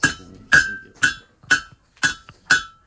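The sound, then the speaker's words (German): A hammer strikes hot metal six times in a steady rhythm, hitting straight down from above. Each blow is a sharp, bright metallic clang with a ringing tone that quickly fades. No voices. “So, du kannst immer schön gerade von oben hauen.”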